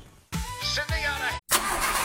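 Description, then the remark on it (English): A car engine cranks over and over without catching, in a few grinding bursts with brief breaks between them. It is fairly loud, ending in a rougher, noisier stretch. “Uh-oh, was that your car talking? Because it doesn't sound happy.”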